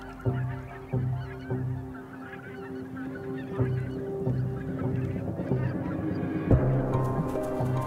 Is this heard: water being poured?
no